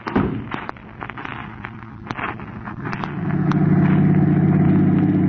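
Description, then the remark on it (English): A car engine drones steadily, growing louder and fuller midway as it pulls along the road, with a scattering of sharp clicks and pops early on. “Will you pass that car in front of us, Crane? We've been trailing for 20 miles.”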